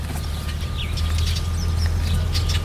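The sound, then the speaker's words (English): Scattered bird chirps and short calls from warblers, mallards, red-winged blackbirds and other birds ring out from several directions over a steady low outdoor rumble, a busy backyard chorus in the Box Canyon, Telluride, without any talking. “But there are warblers and mallards and red-winged blackbirds and all kinds of birds sharing our backyard here in the Box Canyon.”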